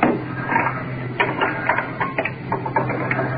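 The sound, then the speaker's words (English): Oxygen cylinders being changed: a run of short, irregular mechanical clicks and clunks over a steady low hum, with no one speaking. “Changing oxygen cylinders.”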